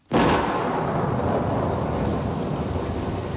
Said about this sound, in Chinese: 听唔听到好大嘅雨声啊？听住呢啲点滴嘅雨声，你会谂起咩呢？